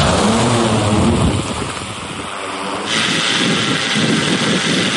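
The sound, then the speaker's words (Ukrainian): Steady, loud mechanical droning of a Heavyshot heavy-lift drone climbing higher into the sky and maneuvering as its pilot practices different scenarios, a broad whirring roar with wind-like rush that briefly dips and shifts pitch midway. “Хевішот все вище підіймається у небо, маневрує, пілот відпрацьовує різні сценарії.”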